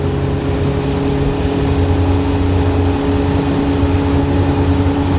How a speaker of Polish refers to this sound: Tutaj nagrywanie na łódce jest trochę utrudnione, bo wiadomo, że jest tutaj duży hałas.